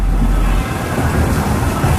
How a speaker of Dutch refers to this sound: en dondert gelukkig alleen maar op de radio.